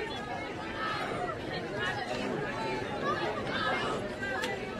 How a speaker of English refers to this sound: The Lawrence County crowd on their feet, excited. Johnson Central, a little bit nervous right now.